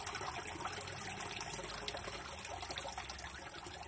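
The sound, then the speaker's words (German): Water trickles and splashes steadily in a fountain at Ranft, flowing in three jets inward and three jets back outward; a continuous, moderately loud babbling stream with no voices. “So wie im Labyrinth oder eben das Wasser in diesem Brunnen.”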